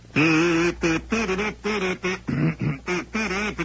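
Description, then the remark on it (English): A voice imitates a duck, letting out a rapid run of about seven nasal, buzzy quacks, loud with brief gaps between them. “Quack, quack.”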